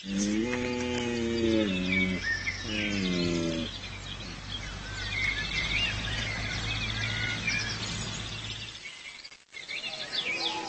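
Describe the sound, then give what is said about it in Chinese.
Two long, deep bellowing roars of a red deer stag, mating calls to attract females, the first about two seconds and the second shorter, with a steady low rumble beneath and birds chirping throughout. “熊马鹿会用叫声来吸引雌性，并告诉雌性做好交配的准备。”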